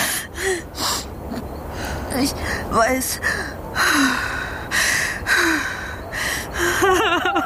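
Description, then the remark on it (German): Panicked, gasping breaths come in ragged, rapid bursts, hyperventilating unevenly while a second voice speaks softly between them. “Hey, ruhig atmen”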